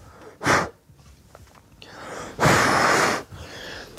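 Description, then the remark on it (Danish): Two breathy exhalations onto polished boot leather during boot polishing with the Danish Royal Life Guards (Livgarden): a short puff, then after a pause a longer, steady huff of air blown out, with faint rustling in between and no talking. “Så jeg puster.”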